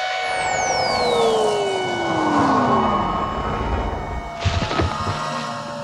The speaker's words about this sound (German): Noch während sie den magischen Spruch für den Hexensprung murmelt, flammt das Licht im Raum hell auf und eine schrecklich laute Sirene quäkt ohrenbetäubend.